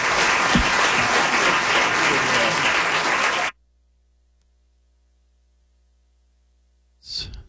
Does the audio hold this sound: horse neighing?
no